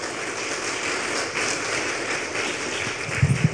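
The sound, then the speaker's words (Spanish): An audience at a church service applauds for the Lord, a dense crackling wash of many hands clapping together for several seconds, with a few louder low thumps near the end. “Un aplauso para el Señor, por favor.”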